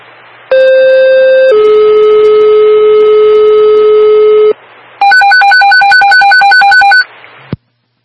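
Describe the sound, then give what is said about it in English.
A loud electronic dispatch alert tone for a Derby Fire call to a CO alarm: a steady high tone drops to a lower held tone for about four seconds, then after a short pause a rapid warbling two-pitch beep pattern follows, with no talking. “Call alarm.”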